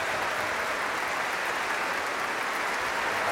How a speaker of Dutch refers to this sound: Daar krijgen afzonderlijke solisten uit het orkest applaus. Ik zal ze niet allemaal opnoemen, helaas, maar alle solisten die vanavond een solorol hadden in deze fantastische symfonie krijgen van het publiek en van het orkest zelf ook applaus.